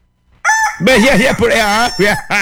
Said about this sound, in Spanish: Por fin se despertó el gallo.